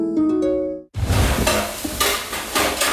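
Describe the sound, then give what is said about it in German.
A short tonal chime gives way to a loud, steady frying sizzle, with a spoon scraping and stirring in a pot in uneven strokes over the hiss. “Löffel, Topf, Pfanne, Bad Ischler.”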